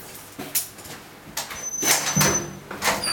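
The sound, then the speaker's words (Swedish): A heavy cell door in a youth prison in Eidsvoll, Norway, slides and slams shut with metallic clanks and a scraping rattle, followed by a further clunk of a latch; the door cannot be opened from the inside. “Det är nog en påverkan det att man lockar igen en dörr som du inte kan öppna upp från insidan.”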